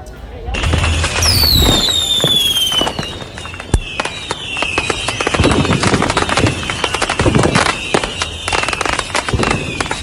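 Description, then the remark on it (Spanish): A dense, rapid crackle of fireworks and firecrackers bursting nonstop, with whistling rockets rising at the start and a few louder booms punctuating the steady popping barrage. “Los fuegos artificiales. ¡Correcto!”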